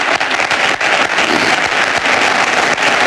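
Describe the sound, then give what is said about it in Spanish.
Sustained applause from a large audience at the election closing event of Florentino Pérez, loud and dense with overlapping claps filling the space continuously, no voices standing out above it. “Aplausos del público que asiste al acto de cierre de elecciones de Florentino Pérez”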